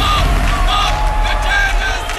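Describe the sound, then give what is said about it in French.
During Israel's performance at the Eurovision 2026 semi-final in Vienna, a loud, dense crowd roars steadily, with thin whistles rising above it and a mass of voices chanting the slogan "Stop the genocide" in support of Palestine in a continuous din. “Bruit de sifflet et slogan « Arrêtez le génocide en soutien à la Palestine », tendez l'oreille.”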